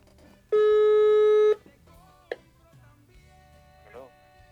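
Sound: telephone call ringing out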